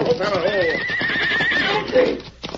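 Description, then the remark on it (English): In a Lone Ranger radio story, a riderless horse runs away on a rocky trail, letting out loud, wavering whinnies, one high cry sliding into another, over a steady clatter of galloping hooves that briefly ends in a sharp thump. “That horse is running away.”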